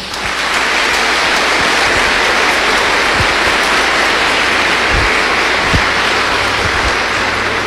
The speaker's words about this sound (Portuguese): Para os idosos e idosas, mais uma salva de palmas.